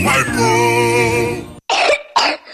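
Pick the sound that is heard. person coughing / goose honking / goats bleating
person coughing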